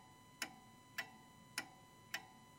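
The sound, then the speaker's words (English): A clock ticks steadily, four crisp, evenly spaced ticks a little over half a second apart, with no voices and only a faint background hum. “Sometimes I actually really enjoy turning off the radio and just listening to that ticking clock, and in a sense, I suppose, taking in the silence.”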